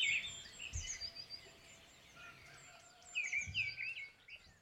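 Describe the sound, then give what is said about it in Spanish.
A person whistles high, warbling bird calls in quick chirping bursts, imitating birdsong with trills that rise and fall, moderately loud, with no talking. “Uy, qué bien imitas a los pájaros, tío.”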